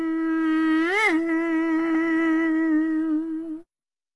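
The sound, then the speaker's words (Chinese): A voice imitates a mosquito's whine, a steady nasal buzz held for about three and a half seconds with a quick upward wobble near the start, loud, then abruptly cut off. “说了一声变，他可就变成一只小蚊子了。”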